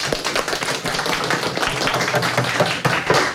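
audience applause

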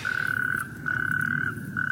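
natterjack toads calling

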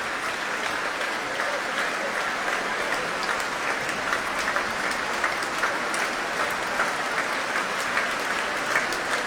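concert hall applause

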